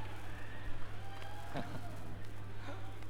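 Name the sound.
audience cheering and applause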